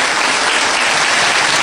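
Steady, dense applause from a crowd, many hands clapping at once in a continuous loud wash with no pauses and no voices standing out.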